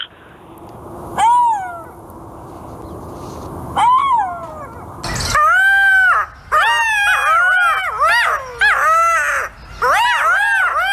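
Golden jackal calls: two lone, wavering wails, then a loud chorus of overlapping high yips and screeching howls that rise and fall in quick succession, continuing to the end.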